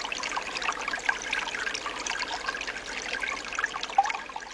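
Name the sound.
water trickling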